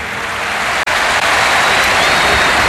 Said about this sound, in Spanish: Y especial ovación. A tot cor, moltes gràcies. Gracias a toda la afición del Barça por parte de Hansi Flick.